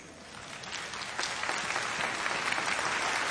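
An audience breaks into steady applause for William Tyndale, the first person to publish a Bible in English, a dense wash of many hands clapping that swells slightly after the first second and carries on evenly, with no voices over it.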